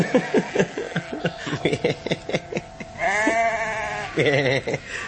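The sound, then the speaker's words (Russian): A ram bleats: a run of short, stuttering pulses, then a long wavering bleat and a second shorter one, loud and clear with no talking. “Это, конечно, Володин оборачивается бараном.”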